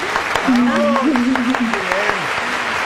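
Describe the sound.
Steady applause from a group, a dense crackle of many hands clapping throughout, with a voice talking or calling out over it.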